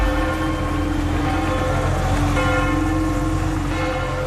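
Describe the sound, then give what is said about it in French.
The church bells of Saint-Pierre de Montrouge in the 14th arrondissement of Paris, France, ring out continuously for seven minutes at 10 a.m., marking the pope's arrival on French soil; overlapping tones sustained and resonant over a steady hum of city noise, fairly loud with no voices. “Les cloches de l'église Saint-Pierre de Montrouge dans le 14e arrondissement de Paris, elles ont résonné comme dans toutes les églises de France pendant 7 minutes tout à l'heure à 10h”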